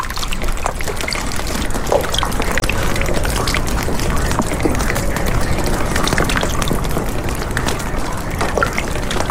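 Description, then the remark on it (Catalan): Steady meltwater from a thaw trickling and dripping, with many small droplet splashes scattered over a continuous wet wash, evenly loud throughout, no voices. “A esta sinfonia de gotes d'aigua la segueixen les acústiques de les canonades dels desaigües, les cornisses de les teulades i els corrents d'aigua que brollen per tot i s'uneixen a eixe xicotet rierol, eixe Guadalaviar,”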